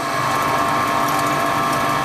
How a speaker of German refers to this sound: Es ist eine Pumpe, die Wasser aus dem eigenen Brunnen in Richtung der Sprenkleranlage auf dem Fußballfeld nebenan befördert.